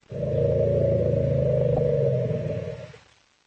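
Several elephants of one family roar together as a greeting when they meet, in a loud, sustained, overlapping chorus of low rumbling bellows, holding steady for nearly three seconds before fading out. No one speaks.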